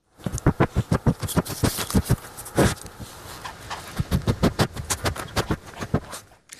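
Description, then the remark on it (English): A dog sniffs rapidly and repeatedly, quick bursts of breath in a busy rhythm with a brief pause partway through and no one talking. “I'm talking about this.”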